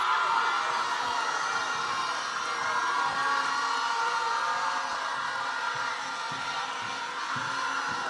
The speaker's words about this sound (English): All right, so at this moment, I'm going to invite the parents, friends, teachers, everyone, just stand and give our graduating class of 2026 a resounding round of applause.